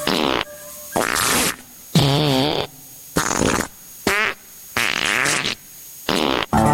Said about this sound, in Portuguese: Ouça agora uma sessão de peidos e tente imaginar o cheiro.